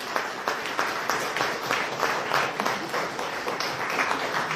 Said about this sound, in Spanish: Le voy a pedir a los jóvenes de Trabajo País que se pongan de pie un ratito. Le vamos a dar un fuerte aplauso a ellos. Que puedan ponerse de pie. Démosle un fuerte aplauso en agradecimiento.